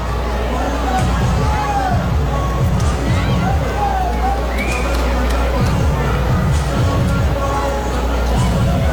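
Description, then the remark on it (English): A large baseball stadium crowd murmurs and buzzes steadily throughout, a dense wash of overlapping voices with occasional louder shouts rising out of the din. “This crowd is juiced and amped and thinks it might get out of here.”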